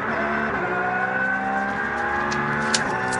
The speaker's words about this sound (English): And another car being done, potentially speeding in the pit lane. Another car from one of the BMW classes.